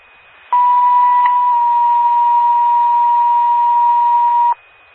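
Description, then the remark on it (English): A loud, steady electronic Gerard Fire Department pager tone, sent as a cancellation page after a false alarm, sounds for about four seconds, a clear high pitch with a brief step near the start, then cuts off abruptly. No voices are present. “10-4, go ahead, page out of cancellation.”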